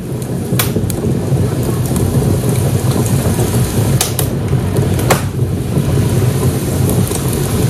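crackling fire

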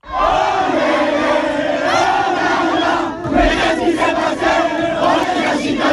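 crowd celebrating

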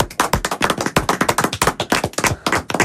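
applause

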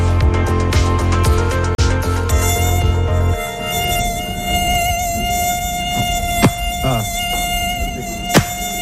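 mosquito buzzing

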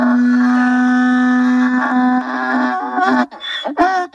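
donkey braying

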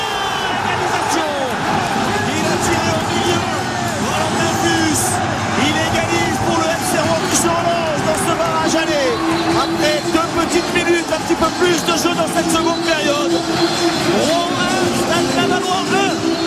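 stadium crowd roaring

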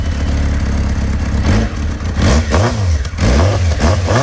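motorcycle engine revving

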